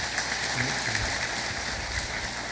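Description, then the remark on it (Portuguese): A parish audience claps steadily in gratitude for a couple of seconds, a dense, even patter of many hands with no voices rising above it. “Momento de gratidão e uma salva de palmas do nosso povo.”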